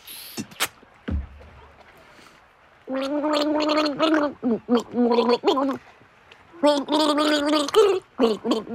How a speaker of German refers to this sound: Jetzt geht's ans Gurgeln, an meine Gurgeln. Ich werde dir jetzt drei Lieder vorgurgeln und du musst sie erraten, okay?